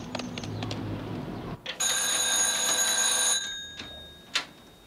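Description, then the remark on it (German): A telephone bell rings in one loud, sustained metallic burst lasting about a second and a half, with a few soft clicks and a low rumble around it. “Das Telefon”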